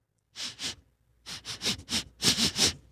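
Someone sniffs sharply through the nose: two quick sniffs, a brief pause, then a faster run of about seven more, getting slightly louder. No one speaks.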